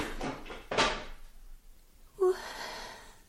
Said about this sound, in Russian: Что там за шум? Какой шум? Там кто-то стул опрокинул.